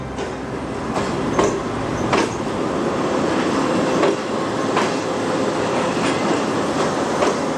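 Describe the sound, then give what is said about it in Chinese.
A Fuxing high-speed train on the Beijing–Zhangjiakou high-speed railway in China roars along its herringbone-shaped track in a steady, loud rush of wind and rail noise, with sharp irregular clacks from the wheels cutting through. No voices. “113年后，京张高铁上的复兴号从它那标志性的人字形轨道呼啸而过。”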